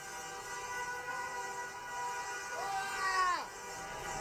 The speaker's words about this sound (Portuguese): Tá muito faceiro, várias buzinas quero pra lá, buzina pra cá. Nani. Solta a buzina, torcedor!